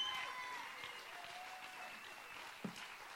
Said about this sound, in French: vous pouvez l'applaudir plus fort que ça, mesdames et messieurs